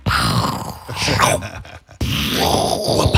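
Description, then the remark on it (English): A person on Joy FM radio imitates a pirate cannon with their voice, making two long, rough, growling booms separated by a brief pause. The blasts are loud, breathy and noisy rather than sharp. “That's hardly a pirate cannon.”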